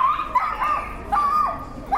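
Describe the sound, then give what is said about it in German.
Small dogs bark and yelp in quick, high-pitched bursts, several overlapping yips recurring about four times in two seconds, loud, with no talking. “Es ist unglaublich, wieso kleine Hunde so einen Krach machen können.”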